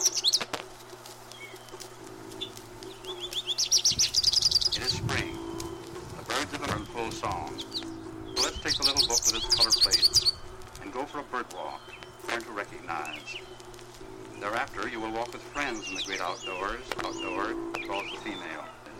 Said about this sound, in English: Singing from the roof of the birdhouse